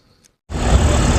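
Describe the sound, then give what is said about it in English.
After a brief near-silence, a loud, steady mechanical hum with a thin high-pitched whistle cuts in abruptly and drones on without pause, coming from a massive data center complex in South Haven, Mississippi. “You can hear it long before you see it. A high-pitched whistle and a hum that doesn't stop.”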